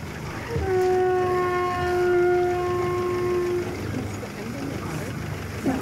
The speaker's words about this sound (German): Das mit dem Kelphorn hat er uns zum Spaß beigebracht. Ist kein weit verbreitetes Instrument, das war nur sein Ding. Ein Kelphorn, das Didgeridoo des Meeres.